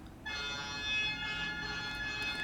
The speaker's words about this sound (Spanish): ¡Meta bocinazo, Luis!